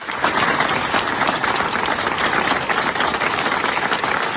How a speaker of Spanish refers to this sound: En defensa de su canal, la salva de aplausos solidarios de la plantilla del canal de televisión opositor turco Halk TV, con sede en Estambul, cuyo control tomaba esta madrugada la policía turca, irrumpiendo en la redacción